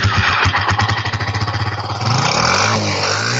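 A motorcycle engine sputters to life with a rapid, uneven chugging, then climbs into a steady, louder rev that holds to the end. Loud, with no one talking.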